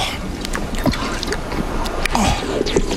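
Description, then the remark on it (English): Water sloshes and gurgles inside a canteen in a few short splashes and trickles, set against a steady background hiss. “Do you have water? Yes. My canteen ran out yesterday. Oh, here. My canteen.”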